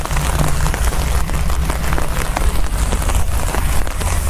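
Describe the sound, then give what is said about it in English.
Steady rain patters densely on a hard surface, a continuous hiss of countless small drops with a low rumble underneath and no voices. “Listen to that rain.”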